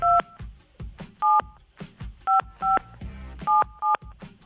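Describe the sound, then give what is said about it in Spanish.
A telephone number is dialed on a keypad to call a listener: roughly seven short, steady touch-tone beeps in an uneven rhythm, some in quick pairs, sounding over a busy low background. “A ver, vamos a marcarle”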